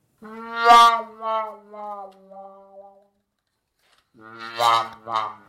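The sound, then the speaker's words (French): A brass instrument with a wah-wah mute plays a drooping, whimpering phrase of several descending notes, then after a short silence a second, brighter wailing figure. Loud and unaccompanied. “Cette sourdine qui fait wah-wah s'appelle donc la sourdine wah-wah.”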